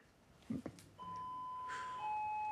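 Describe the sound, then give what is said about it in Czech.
A couple of short knocks or clunks, then a sustained two-tone electronic doorbell chime that rings steadily, the pitch stepping down partway through, clear. “Ale tak přece slyším, že někdo zvoní, ne?”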